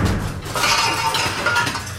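A loud, continuous clatter of metal pots and pans banging and rattling together, dense and jangling for about two seconds with no voices.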